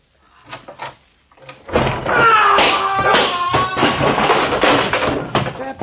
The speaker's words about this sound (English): That was a nasty fall.